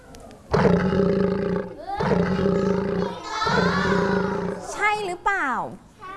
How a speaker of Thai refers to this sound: สิงโตหรือเปล่าเด็กๆปลายทางคิดว่าเป็นอะไรคะ สิงโต ปลายทางก็บอกว่าคิดว่าเป็นสิงโตจริงไหม